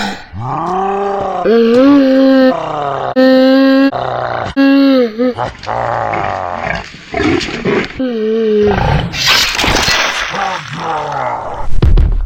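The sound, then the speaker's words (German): Loud grunts and growling snorts of a male wild boar (a Keiler) called Herbert, accidentally hit by a shot from a bow: a rapid series of deep, strained calls rising and falling in pitch, ending in harsher, noisy squeals. “Heißen die hier nicht Wildschweine?”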